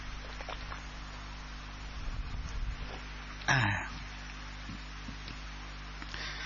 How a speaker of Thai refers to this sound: ขออภัยนะโยมอาตมาคอแห้งอาตมาฉันน้ำได้ไหมอ่ะนิดหนึ่งนะ